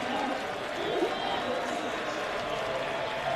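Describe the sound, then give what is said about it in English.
A large baseball stadium crowd applauds and cheers for pitcher Garrett Stallings as his night ends at a pitching change, in a steady, dense wash of noise that holds at an even loudness throughout, with a murmur of voices blended in. “Rick Sweet goes to the mound, and Stallings is going to get a great reception from this large crowd.”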